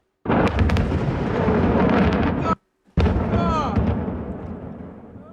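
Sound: fireworks factory explosion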